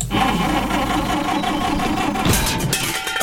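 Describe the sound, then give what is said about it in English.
A car with engine trouble labours and sputters, a loud, rough mechanical drone with uneven rhythm that surges briefly near the end, with no one speaking. “Oh, no. Got trouble with the car?”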